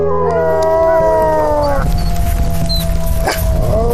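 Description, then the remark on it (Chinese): A wolf pack in mating season howls together on a snowfield at minus 30 degrees Celsius in a bitter cold wind, several long, wavering voices overlapping and sliding in pitch, loud and continuous over a low, windy rumble throughout. “此时气温已经降到了-30摄氏度，凛冽的寒风让发情的狼群更加躁动。”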